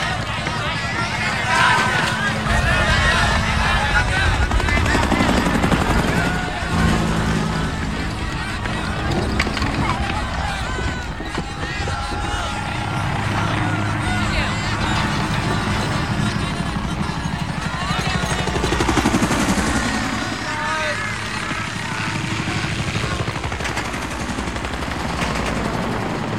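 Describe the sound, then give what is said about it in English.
Military helicopters of an air cavalry division, escorts to the mouth of the Nung River, close in with a heavy, continuous rotor rumble, mixed with bursts of gunfire and shouting voices, loud and chaotic throughout. “First of the ninth was an old cavalry division that cashed in its horses for choppers and gone terrassing around Nam looking for the shit.”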